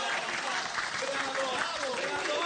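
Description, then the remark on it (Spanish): An audience applauds, a dense, steady wash of many hands clapping at an even loudness throughout, with faint voices mixed into the noise. “Muy aplauso.”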